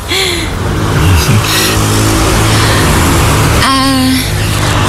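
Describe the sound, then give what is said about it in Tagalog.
A tall motorcycle's engine runs loudly throughout, with a short rev near the start and a stronger, rising rev toward the end. “Ay, medyo mahirap pala tong sakyan, tong motor mo.”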